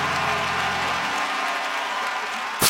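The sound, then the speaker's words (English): A crowd claps steadily and loudly in a dense, continuous wash of applause, with faint low tones underneath and a brief sharp burst right at the end. “Come on, clap your hands and say he turned it.”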